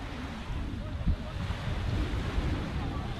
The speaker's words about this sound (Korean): 시원한 바닷바람이 반갑네요. 우리는 이 바람이 필요해요. 지금 전기가 없기 때문에.